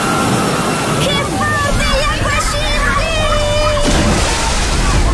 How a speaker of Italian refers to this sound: Il divertimento della piscina ad onde, ne arriva un'altra!